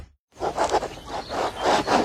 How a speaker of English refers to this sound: Hear that? The sound of your antique fountain pen gliding across linen paper as you journal in the park.